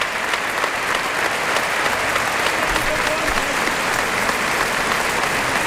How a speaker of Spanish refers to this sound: Mira, todo gente, el mundo en pie. ¡Qué ovación!